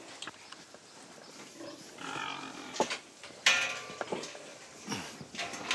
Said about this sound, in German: Schweine sind kluge Tiere. Raus. Hopp. Hören fällt ihnen von Natur aus schwer. Oder sie tun nur so.